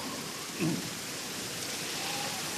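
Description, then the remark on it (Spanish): Heavy rain pours down steadily at night in a dense, even hiss, with a brief low thump early on; no one speaks. “Ay, qué manera de llover.”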